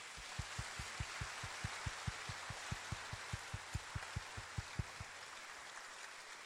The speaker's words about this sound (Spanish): La comunidad cristiana que está aquí reunida, que representa a la Iglesia Católica, le va a dar la bienvenida a estos nuevos hijos de Dios con un fuerte aplauso.